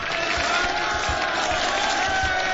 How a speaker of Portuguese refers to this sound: Merece palmas, hein?